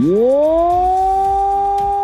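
A modulated three-minute civil defense alarm siren, used to announce an alarm and demonstrated at a national emergency-response training, winds up from a low growl into a loud, steady wail. Its tone climbs smoothly and then holds high, with a faint rumble underneath and no voices.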